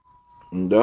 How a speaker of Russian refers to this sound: Ну, иди сюда, вот ко мне пришла моя кошка.